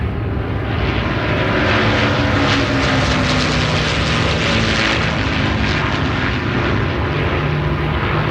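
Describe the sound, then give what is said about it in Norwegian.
A propeller airplane approaching Orkanger on a mild, starry evening drones loudly and steadily throughout, a thick continuous engine roar with a low throbbing hum underneath and no voices. “Det er en mild og stjerneklar kveld når flyet nærmer seg Orkanger.”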